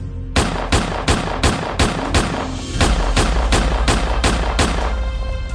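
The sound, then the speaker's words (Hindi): A steady string of sharp revolver shots, 12 rounds fired at a target from a distance of 18 feet at Funland, in quick succession, each crack loud with a short ringing tail, the rhythm evenly spaced with no voices. “फिर वो फनलैंड गए और 18 फीट की दूरी से 12 राउंड गोलियां चलाई।”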